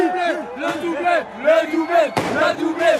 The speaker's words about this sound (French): C'est la fin de la séance de tirs au but, ça se joue maintenant. Entendez le chant des supporters de cette petite rue Raymond Losserand dans le 14e arrondissement. On est comme au stade.